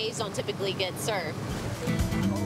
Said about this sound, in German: Tanker zu jagen, um auf ihrer Bugwelle zu surfen, das ist einmalig. In einer Bucht wie dieser gibt es normalerweise nun mal keine brauchbaren Wellen.